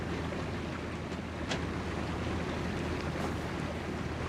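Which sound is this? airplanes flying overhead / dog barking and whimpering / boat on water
boat on water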